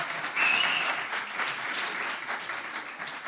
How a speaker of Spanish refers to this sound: Ahórrense los aplausos desmedidos que le incomodan.